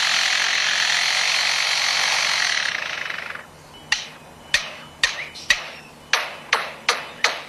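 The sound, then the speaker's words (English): A lyrebird living near a construction site mimics construction noise: a steady grinding buzz like a power tool, then about eight sharp, evenly spaced hammer-like knocks, loud, with no talking. “This is a lyrebird. That's been living near a construction site and has learned to mimic construction.”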